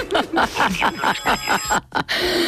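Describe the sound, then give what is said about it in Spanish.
A rooster-crowing phone alarm tone plays as a run of quick, harmonic bursts in steady rhythm, fairly loud, ending with a short electronic ringing tone. “¿Cómo suena tu alarma? Pues tengo una del gallo. El gallo quirico ese.”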